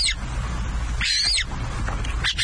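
A Montagu's harrier, the UK's rarest bird, calls: a brief cry at the start, a longer, strained, arching call in the middle, then a short sharp alarm note, all over steady outdoor background noise.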